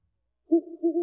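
An owl gives one drawn-out, low hoot that wavers slightly midway, heard clear after a brief silence, with no voices around it.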